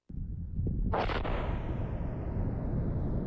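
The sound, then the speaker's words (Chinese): A missile strikes its target and explodes in one loud, sharp blast during a Chinese Rocket Force equipment test in Saibei, raising a cloud of dust, followed by a heavy, rolling roar of debris and echo that lingers without fading. “塞北某地腾空而起一团沙尘，随着某型导弹顺利着靶、成功爆炸，火箭军某部某型装备的试验鉴定进入了尾声，搜集到的各项数据指标平稳，任务即将顺利收官。”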